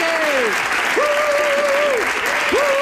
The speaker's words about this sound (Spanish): ¡Andreu Buenafuente, adelante! ¡Un aplauso, un aplauso para Andreu Buenafuente!